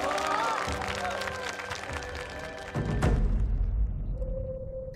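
An audience applauds to welcome a performer onto the stage in a dense, steady wash of clapping, broken by a heavy low thud partway through, as a sustained tone rises under the fading claps near the end.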